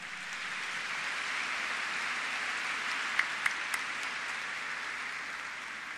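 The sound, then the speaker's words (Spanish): An audience at Mass in a basilica sanctuary applauds the teams serving its different areas, in a steady, dense wash of clapping that holds at an even level throughout, with a few sharper individual claps standing out near the middle. No one speaks. “Un fuerte y caluroso aplauso.”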